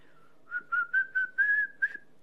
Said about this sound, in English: I can whistle, … says. Listen.